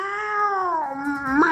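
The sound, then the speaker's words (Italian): A single long, drawn-out cat meow, loud, holding a steady wavering pitch for over a second before rising sharply at the end; no other sounds or voices. “Sembra ha la sentenziato chiusa, anche il gatto.”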